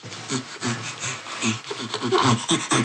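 Rapid, breathy panting sounds repeat in quick rhythmic bursts, each huff alternating with an in-breath, fairly loud: a chimpanzee's panting laughter, voiced on both inhalation and exhalation, with no speech.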